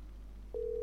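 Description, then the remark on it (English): After a quiet moment with a low hum, a steady telephone ringing tone starts abruptly and holds at a constant pitch, clear, with no voices, as a caller hangs up and redials to call someone back. “Me hang up and call her back.”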